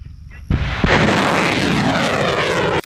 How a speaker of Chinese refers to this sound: 随着发射指令下达，火箭弹精准覆盖目标